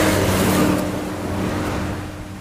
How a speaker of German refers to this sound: Er steigt aus und tritt an die Absperrung einer mit rotem Staub überzogenen Brücke. Autos und schwere Lastwagen donnern vorbei.